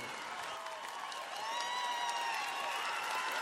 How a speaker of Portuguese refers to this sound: Batem palmas